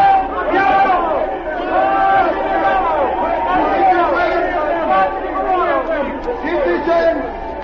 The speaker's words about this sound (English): Three of these patriotic citizens are here on this platform now. I ask them to stand and receive your applause.